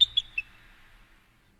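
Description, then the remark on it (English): Three quick, high-pitched bird chirps in rapid succession, followed by a brief fading trill that tails off into quiet, played on a radio station as station imaging. No voices are present. “These are just bird sounds.”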